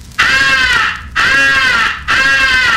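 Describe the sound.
Three long, loud, harsh crow caws in a steady rhythm, each drawn out and raspy with brief pauses between, a highball crow call for attracting the attention of distant crows.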